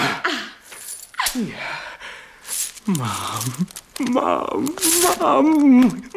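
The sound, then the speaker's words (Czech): Two stuffed bags full of gold coins jingle and clink in brief metallic bursts while a man speaks over them throughout. “Dva nabucané sáčky plné žluťásku, pane Rastyňaku. Tady je máte, pane Evžene!”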